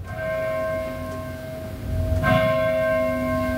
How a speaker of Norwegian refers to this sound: Ja, ja. Så fik vi også kirkeklokker ind i morgenradioen.